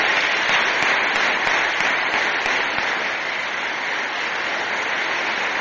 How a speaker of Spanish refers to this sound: Les damos un aplauso a los catequistas.